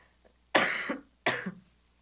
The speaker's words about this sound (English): Oh, I'm gonna cough again.